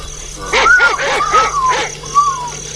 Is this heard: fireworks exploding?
no